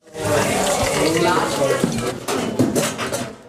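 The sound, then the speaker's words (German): A steady sizzle of a schnitzel frying in a pan, not a deep fryer, in the kitchen of the Gasthaus Apfelbaum, with occasional clinks of utensils and kitchen clatter mixed in, and faint voices in the background. “Die Spätzle sind handgeschabt, das Schnitzel kommt in die Pfanne, nicht in die Fritteuse.”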